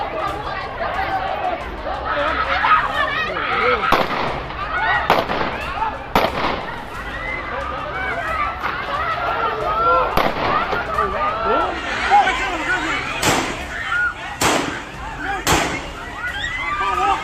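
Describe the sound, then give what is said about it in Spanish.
Gunshots ring out about eight times at irregular intervals, sharp loud cracks cutting through the steady shouting and chatter of a crowd outdoors, fired during a street fight at a man wielding a machete; only one shot hits him, in the leg. “Se cree que de todos los disparos, solamente uno lo alcanzó y lo hirió en la pierna.”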